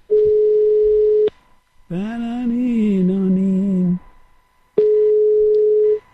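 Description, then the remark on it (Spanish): A steady, single-pitched telephone line tone plays for about a second, stops while a voice sounds briefly in the gap, then the same flat tone returns, clear, as a call that was cut off is dialed again. “Bueno, pues nada, tenía que llamarlo otra vez.”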